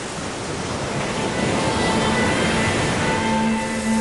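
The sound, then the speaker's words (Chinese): A loud, continuous roar of wind-driven surf breaking on a shore, a dense rushing wash of water and wind that holds steady for the whole stretch with no voices. “那一刻，唯有风吹海浪，惊涛拍岸。”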